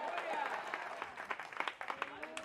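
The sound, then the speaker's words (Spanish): A church audience breaks into loud, sustained applause praising the Lord, a dense crackle of many hands clapping unevenly, with voices calling out beneath it. “Dale fuerte ese aplauso si es para él, iglesia.”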